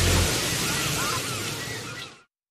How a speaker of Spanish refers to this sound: Solo es una ola tras otra.